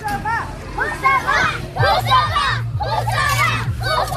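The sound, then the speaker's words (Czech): A large group of pupils from the Husova elementary school in Liberec, acting as a fan camp, cheer and shout loudly in bursts, their high-pitched voices overlapping in an excited crowd roar that rises and falls repeatedly. “Asi nejhlasitější fanouškovský tábor tady, zdejší základní škola Husova liberecká.”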